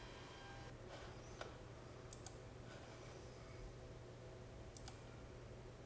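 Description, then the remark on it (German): A 3D printer hums steadily while printing a high-precision dental drill template from digital X-ray images and a patient's dental impression, with a faint mechanical drone and a few sharp clicks scattered through the run. No one speaks. “Die Entstehung einer hochpräzisen Bohrschablone macht der 3D-Drucker möglich.”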